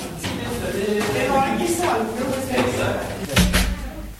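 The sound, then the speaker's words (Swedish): A door in a low-ceilinged doorway thuds shut and is locked near the end, a single solid knock with a low rumble, while people talk throughout. “Det kommer en till dörr och akta huvudet.”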